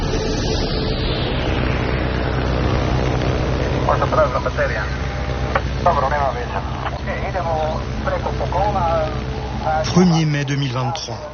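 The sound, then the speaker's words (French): A small blue-and-white six-seat Cessna propeller airplane drones steadily overhead above the thick Amazon rainforest canopy in southern Colombia, its engine a loud, continuous hum with a broad rushing wash, while faint voices come and go beneath it. “Au sud de la Colombie, un petit avion bleu et blanc survole l'épaisse canopée de la forêt amazonienne. C'est un Cessna, dont l'habitacle contient seulement 6 places.”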